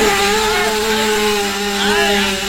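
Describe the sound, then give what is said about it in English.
A motorbike engine, just started, runs with a loud, steady buzzing drone, its pitch holding mostly level and wavering briefly near the end, with no voices over it. “I got my motorbike started.”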